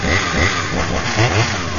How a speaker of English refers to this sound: Okay. I like chainsaw juggling.